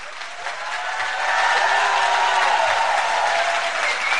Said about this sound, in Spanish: ¿Ya oyeron? Con este fuerte aplauso empezamos el programa.